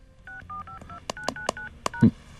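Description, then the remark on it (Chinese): A quick run of about eight short two-tone keypad beeps as a mobile phone number is punched in, each a steady electronic tone, mixed with sharp key-press clicks and a final dull thump. No one speaks. “啊， 我输入错误 啊，输入错误。”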